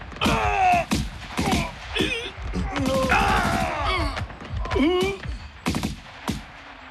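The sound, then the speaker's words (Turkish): Loud gunfire cracks out in irregular bursts of sharp shots, with shouting voices and groans mixed in throughout the chaotic firefight between soldiers. “Silah sesleri kesildi.”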